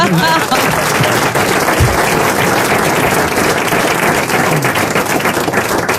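Sustained audience applause, a dense, steady wash of many hands clapping at constant loudness for the whole stretch, with faint voices mixed in underneath.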